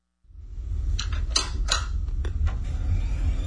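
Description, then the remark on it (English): A computer booting up: a steady low fan hum rises and holds while a handful of sharp mechanical clicks and creaks sound irregularly over it. No one speaks. “The familiar sound of a computer booting up.”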